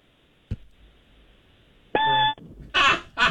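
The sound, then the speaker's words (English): A voice imitates a smoke detector going off in the middle of the night, with one short, steady, high-pitched chirp after a faint click, followed by two breathy, noisy bursts like stifled laughter. “All right, do a smoke detector going off in the middle of the night, like that annoying chirping.”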